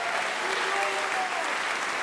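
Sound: concert audience applause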